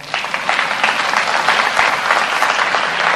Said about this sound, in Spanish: Era para un aplauso.